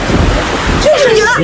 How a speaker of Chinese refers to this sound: 下雨了，这天怎么说变就变了呢？ 是啊是啊，我早就听说了，新疆的天，小孩的脸，就是说变就变。